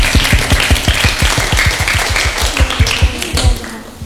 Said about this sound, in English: Amazing, give applause.